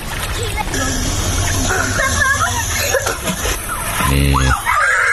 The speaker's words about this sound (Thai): ส่งคลิปมาที่สวิตเซอร์แลนด์นะฮะอยู่กับเด็กๆอยู่กำลังเล่นสระว่ายน้ำตัวนี้ประมาณช่วง 5-6 โมงเย็นใช่ไหมพี่นี่ส่งภาพบรรยากาศมามีเด็กๆเนี่ยกำลังเล่นน้ำกันอยู่ฟังเสียงนะนี่ฟังเสียงสนุกมากเลยกำลังเล่นน้ำกันอยู่แฮปปี้มากนะฮะ